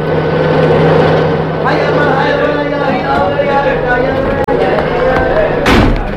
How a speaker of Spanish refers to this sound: Los vehículos cargados de policías y soldados irrumpen velozmente en el barrio árabe.